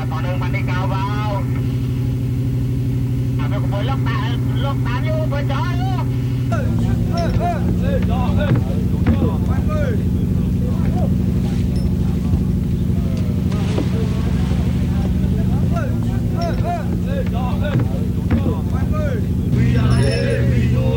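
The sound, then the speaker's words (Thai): A fishing boat's engine drones steadily and loudly from start to finish as the boat heads out to fish in the Andaman Sea, its low throb shifting pitch slightly partway through, while voices talk over the engine noise. “เรือเกียรติเจริญชัย25ออกจับปลาในหน้าน้ำอันดามัน”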